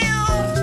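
A single cat's meow, fairly loud, a short tonal cry with no voices around it.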